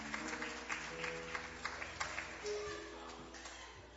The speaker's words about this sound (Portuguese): Pode bater as palmas, bem alegre para Jesus.